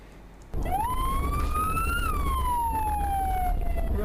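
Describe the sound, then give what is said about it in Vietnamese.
An ambulance siren starts abruptly and wails loudly, its pitch rising then slowly falling in a long sweep, with steady traffic rumble underneath. “Anh, vừa em xem clip trên mạng ha, mọi người quay hai thanh niên đi mở đường cho xe cứu thương suốt một đoạn dài cơ.”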